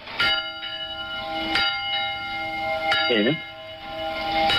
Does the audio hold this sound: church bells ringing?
yes